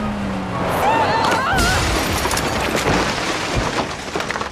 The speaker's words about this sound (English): What have you done? You smashed into the editor's house! Look at his kitchen!